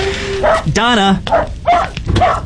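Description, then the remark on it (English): A dog named Harry barks several times in quick bursts, mixed with a higher, drawn-out whining yelp, loud. “Can you turn down the volume on your dog, please?”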